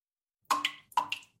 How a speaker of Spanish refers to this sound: ¿Oyes eso? Es una gotera. Cada gota que se va es agua que tú podrías usar.